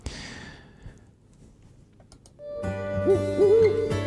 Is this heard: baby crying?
no